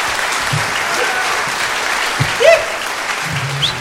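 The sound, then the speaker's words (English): Hands clap in a dense, steady patter that fills the whole clip, with a brief louder burst midway and a sharp tone slipping through, and no voices. “Make clap four times and that's it.”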